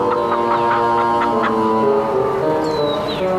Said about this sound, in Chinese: 看见院子的鸡了吗？拿着馒头好好的坐在院子里喂鸡玩